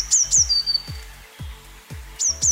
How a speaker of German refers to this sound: Ist richtig? Eine Blaumeise.